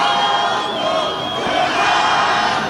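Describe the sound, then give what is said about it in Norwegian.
A crowd of several hundred fans in front of a hotel cheers and shouts continuously as Cristiano Ronaldo finally appears, a dense, loud wall of overlapping voices with high-pitched yells rising out of the roar. “Og når stjernen endelig var å se, var det et publikum i høygir.”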